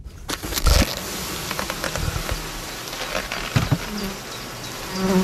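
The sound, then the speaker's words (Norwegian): A dense, steady hum of many honeybees buzzing around a hive in Skien, Norway, continuous, with scattered clicks and light knocks over the swarming drone; the bees are crawling about at work, making wax, tending brood and cleaning cells. “Dette lyden av hvor mange bier,”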